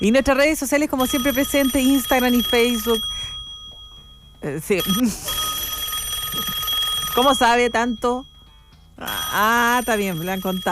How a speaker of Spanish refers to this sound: En vivo, sí, suena su teléfono así todavía. No, hay gente que tiene ringtone así todavía, que pone, suena y es como el teléfono antiguo. Sí, el llamado a la nostalgia, ¿cierto? Así.